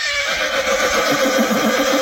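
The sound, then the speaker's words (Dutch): A Friesian horse neighs loudly, a sustained whinny with a wavering, shaking pitch that fills the whole two seconds. No one speaks. “Het Friese paard.”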